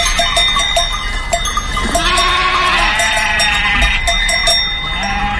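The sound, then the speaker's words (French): Ewes and sheep bleat loudly and repeatedly, several overlapping wavering calls, with bells clanking steadily throughout a busy flock. “Les brebis et les moutons bêlent tant et plus comme pour les remercier de leur sollicitude.”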